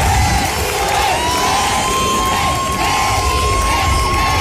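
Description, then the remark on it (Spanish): A large crowd of hundreds of citizens in the main square of Melilla cheers and shouts continuously, welcoming the head of state on his first official visit to the city, with children's high voices mixed into the loud, steady roar and a sustained whistle-like tone running through it. “Cientos de ciudadanos los han recibido en la principal plaza de la ciudad, algunos esperando desde la madrugada y otros incluso cambiando las clases por presenciar este momento.”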